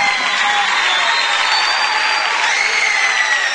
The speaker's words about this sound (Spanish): El aplauso fuerte para Sergio.